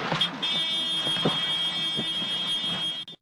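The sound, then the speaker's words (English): A steady, high-pitched electronic warning tone buzzes continuously for about three seconds over a busy, engine-like rumble, then cuts off abruptly: a cockpit alarm going off in a TV station's news helicopter during the final seconds of a flight before it went down. “This is an alarm going off.”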